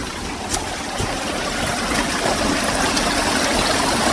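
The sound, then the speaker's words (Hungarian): Steady rushing of a creek spilling over small waterfalls as it descends, heard from the creek bank at the bottom of a valley about 20-30 metres deep, a broad continuous splashing wash with a few brief bright splashes, no voices present. “Kis vízesések, ahogy a patak egyre lejjebb jön.”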